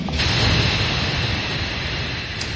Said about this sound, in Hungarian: A vonat sóhajtva megáll